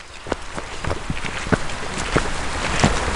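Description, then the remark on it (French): Steady winter rain hisses outdoors at the edge of the Mare à Goriot, a pond in the forest at Saint-Amand-Wallers, France, with scattered louder drips and taps landing at irregular intervals. No voices, just the continuous wet patter. “J'ai rejoint la guide nature au bord de la Mare à Goriot, sous une pluie hivernale.”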